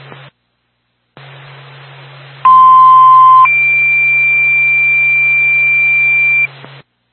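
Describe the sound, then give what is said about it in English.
Over a hiss of radio static, a loud steady tone sounds for about a second, then jumps to a higher pitch and holds for several seconds: the classic two-tone fire department dispatch alert, sent to Twin State Barnett Fire Department for a fire alarm activation at 301 Slayton Lane, toned at 19:27. “Time of your tone, 1927.”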